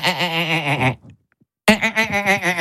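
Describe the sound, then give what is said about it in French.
A human voice imitates a marsh frog's call: two loud, nasal, bleating bursts with a rapidly quavering, laugh-like pitch, separated by a brief silence. “Et alors, grenouille rieuse. Pourquoi donc rieuse?”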